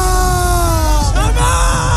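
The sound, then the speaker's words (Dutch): A loud crowd in Madrid yells and chants "España!" together, celebrating after the final whistle as Spain won the World Cup, with sustained shouted tones that break and shift pitch partway through over a constant roar. “Nou, onder meer in Madrid klonk het na het eindsignaal zo.”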